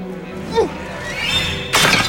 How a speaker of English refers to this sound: Hermione picks up a snail shell from on top of a pumpkin, grips it with her bandaged hand, and hurls it through the hut's window, shattering a clay jar.